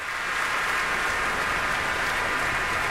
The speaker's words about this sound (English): And a nice round of applause there for the Royal Concertgebouw Orchestra and Ricardo Chailly.